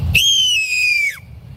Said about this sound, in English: First, we get the barn owl.